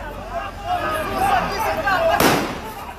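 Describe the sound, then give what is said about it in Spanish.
A single sharp gunshot, lead bullets fired after rubber bullets failed, cracks out near the end, loud and sudden, over a steady background of crowd noise and indistinct voices. “Pero las balas de goma no le hacían ni cosquillas, así que recurrieron a las de plomo. ¡A los tiros! ¡A los tiros!”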